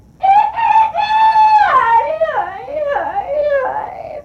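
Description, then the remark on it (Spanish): A rooster crows once, loud, holding a long steady note before breaking into wavering, dipping tones that trail off over about four seconds. “Ahora es que uno va a tener que estar aguantando ese gallo, mire.”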